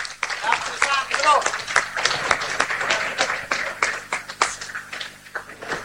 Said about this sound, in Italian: Abbiamo visto dunque anche l'applauso da parte dei tanti fedeli che sono qui allo stadio, quando hanno detto siamo tornati allo stadio in via Recina di Macerata dopo 2 anni.